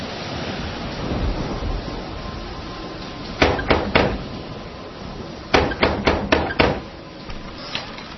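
Sharp knocks on a door: three quick raps, a brief pause, then a second burst of about five, all over a steady hiss of background noise, with no voices.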